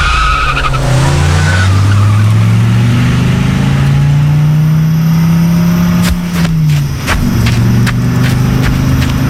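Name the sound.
car accelerating and skidding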